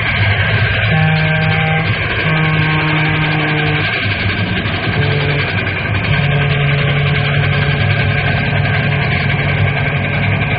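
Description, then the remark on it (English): A loud, steady roar of the Fireball Express train rumbling past a railroad crossing with wooden cross arms, with two long, low horn blasts sounding over the engine noise. No one speaks. “Hey, look at that monster come roaring.”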